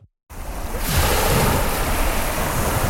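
Waves wash steadily onto Tibidabo Beach, a tended beach in Italy with deep blue sea and rows of umbrellas and sun loungers, after a brief silent start, a broad, continuous roar of surf with some wind rushing across the microphone.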